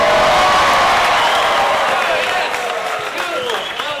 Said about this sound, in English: We want you to cheer them on, applaud when they get a question right. In fact, we want you to go absolutely nuts.